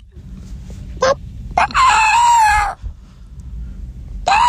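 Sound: person imitating a chicken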